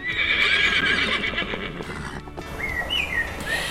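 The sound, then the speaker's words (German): A horse whinnies loudly and at length, its shrill neigh rising and wavering, while hooves clip-clop steadily underneath; a second, shorter whinny follows near the end. “Ja, ob Vögel oder Pferde, im Treffpunkt wird's heute noch richtig tierisch.”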